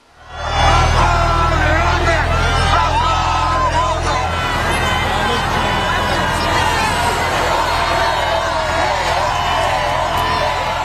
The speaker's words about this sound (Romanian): Zeci de mii de oameni, unii cu bebeluși în brațe, l-au întâmpinat pe Papa Leon cu aplauze și urale de-a lungul bulevardelor din Paris.